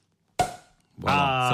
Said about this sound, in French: On débouche le champagne.